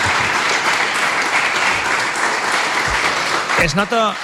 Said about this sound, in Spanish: Un aplaudiment, no?, per als nostres...